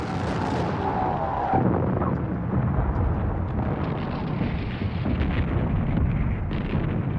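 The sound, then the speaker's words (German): A cannon, fired on a commander's orders to load, ready and fire, booms out in a loud, sustained roar, a heavy rumbling blast that fills the whole stretch with dense low thunder and crackle, with a sharper jolt early on and no voices. “Die Kanone brüllte los und jeder versuchte von seiner Position aus auf Kommando zu fotografieren.”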